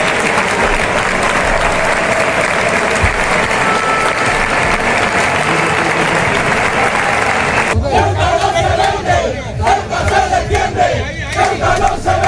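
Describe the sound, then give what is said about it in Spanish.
A large stadium crowd of Ceuta football fans chants loudly in unison at a match against Mallorca, a dense roar of voices that swells and holds steady, then shifts into a more rhythmic, pulsing chant toward the end, a chant the Mallorca fans also joined. “Así estaban los ánimos de la afición ceutí y un cántico que luego secundó también la afición mallorquinista.”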